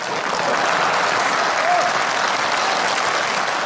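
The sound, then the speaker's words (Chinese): Steady, dense applause from a sizable audience fills the whole stretch, loud with a continuous crackle of many hands clapping at once, no talking over it. “这鼓掌的都是我这样的人。”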